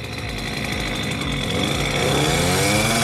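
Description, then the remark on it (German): A loud, buzzing motor engine runs steadily with first gear engaged and a little throttle given to pull away; its pitch climbs and it grows louder as it revs up toward the end, then the engine stalls. No voices are heard. “Nee, den haben wir abgewürgt.”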